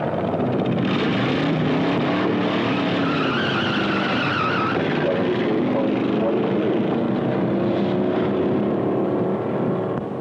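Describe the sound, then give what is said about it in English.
A car engine roars loudly at high speed, its pitch rising and falling as it accelerates and shifts, with a steady rush of road noise throughout and a brief tire squeal. “This is the place to test your car, see what it'll really do.”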